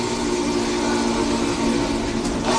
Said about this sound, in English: To recreate the sonic magic of the 576's whistle, Alex Mullen spent 6 months building it with video game software and the flight simulator throttle. And I think it is the most accurate whistle simulator anyone's ever made digitally.